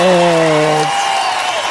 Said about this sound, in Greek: Ρίξε το χειροκρότημα, αγαπημένε